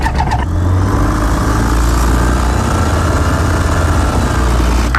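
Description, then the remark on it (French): A light aircraft's small propeller engine starts up after the pre-flight check: a brief cranking burst, then a steady, loud, rumbling drone with a low throbbing hum that holds evenly for several seconds, with no voices. “Vous pourriez même apprendre à piloter. Eh bien, on n'est pas arrivé. On fait la visite pré-vol.”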